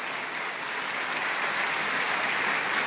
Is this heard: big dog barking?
no